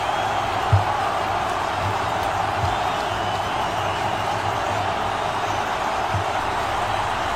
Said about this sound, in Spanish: Hay abucheos. Yo creo que los abucheos son para Diego Simeone.